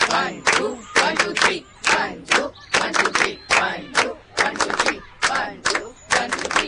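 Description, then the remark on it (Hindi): A group claps together as musical accompaniment in a steady repeating pattern of two claps then three (one-two, one-two-three), crisp, with short pauses between the phrases and no talking. “हम ऐसे ताली बजाएंगे ना, एक दो, एक दो तीन।”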